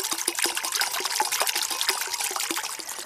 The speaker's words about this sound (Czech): Takhle krásně tady žbluňká nebo zurčí voda, je tady takový kovový mlýnek a my už jsme na bohlibém místě. Nacházíme se v lesích Maternice, je to nedaleko Hronova.